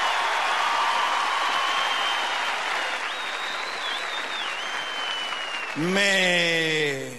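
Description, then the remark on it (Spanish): An audience applauds a comedian telling jokes in a loud, steady wash of clapping that lasts several seconds, fading slightly before a voice begins speaking over the last stretch. “Me hace bien escuchar esos aplausos, la verdad, las cosas.”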